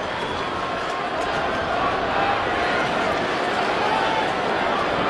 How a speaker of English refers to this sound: Crowd starting to get activated a little bit here.